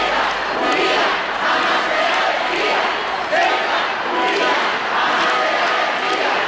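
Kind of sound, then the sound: crowd, crowd applauding and shouting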